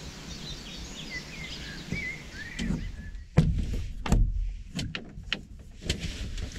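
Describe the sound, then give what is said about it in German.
A few faint, high bird chirps and warbles drift over a low steady rumble on a calm, windless morning outside a small camper under a cloudy sky, followed by several sharp clicks and dull thumps spaced irregularly across the second half. “Kein Wind, nur so ein paar Vögel und es ist ein total schöner Morgen, auch ohne spektakulären Sonnenaufgang.”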